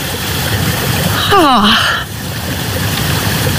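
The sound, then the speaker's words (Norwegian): Spring water trickles steadily, coming out between stones and green moss, a continuous babbling wash that runs the whole time, broken briefly midway by a short gliding voice-like sound. “Det ingenting over, og så plutselig så bare kommer det ut og pipler fram mellom steiner og mellom det grønn mose akkurat.”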